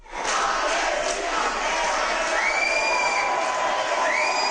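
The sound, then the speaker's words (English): A large crowd of pro-Palestinian activists chants and cheers loudly and continuously at an airport in Bilbao, Spain, before being subdued by Spanish police, voices blending into a dense roar with occasional rising whoops and shouts cutting through. “Pro-Palestinian activists chant and cheer before being subdued by Spanish police after they returned to their country.”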